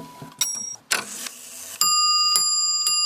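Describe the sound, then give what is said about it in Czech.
The mechanism of an old clock made by a Prague clockmaker, in Velké Meziříčí, clicks and whirs into motion with a brief rush of gear noise, then a small hammer strikes a bright bell chime that rings out and sustains, struck again a couple of times. Fairly loud, no voices. “Roztáčí se strojek.”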